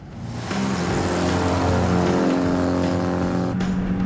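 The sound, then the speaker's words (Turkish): A light, powerful car's engine revs up and accelerates, a loud, steady roar with rising harmonic tones that holds for several seconds before a brief shift near the end. No one speaks. “Bu kadar hızlanması sürpriz değil.”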